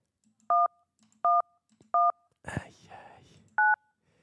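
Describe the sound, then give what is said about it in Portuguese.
Four short telephone keypad tones beep at an even pace as a phone call is dialed, each a steady mid-pitched dual tone, with a brief burst of breathy, rustling noise before the last beep. “Entra em contacto com o Voline.”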